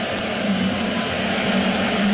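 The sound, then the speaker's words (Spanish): A large home crowd at a baseball game boos the batter Will loudly and continuously, a dense, low droning roar that holds steady for the whole stretch with no break or individual voice standing out. “Es ensordecedor realmente el abucheo.”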